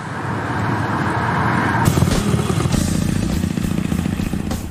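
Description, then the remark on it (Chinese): A motorcycle engine rumbles loudly, its pitch shifting as it rides past, with a steady mechanical drone and some rattling throughout; no one speaks. It rides on the Zhangzhou coastal avenue, about 100 km from Xiamen. “一个摩托车达人，在他的生活里，摩托车和美食几乎占据了全部。”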